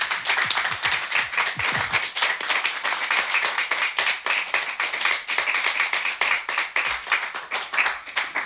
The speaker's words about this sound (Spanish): Y para que se sepa que en la sala hay gente, pues vamos a aplaudir a los compañeros que van a participar.